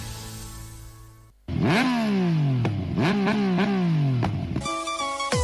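A motorcycle engine revs hard several times in quick succession, each rev surging up in pitch and dropping back, loud, with no talking over it.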